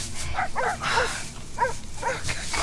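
Several dogs bark in quick, uneven bursts, about six short yaps spread over a couple of seconds, with steady outdoor background noise underneath and no talking.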